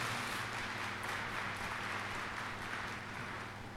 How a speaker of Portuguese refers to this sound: Salva de palmas a Nossa Senhora.